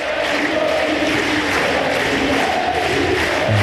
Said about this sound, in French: Et on entend, c'était sur le Suzanne Lenglen, la foule qui crie Moïse.